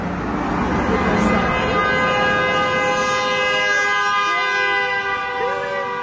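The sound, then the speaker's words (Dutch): A car horn blares in one long, steady honk that holds for several seconds, loud, over a rumbling traffic background. “Dat was een goede toeter.”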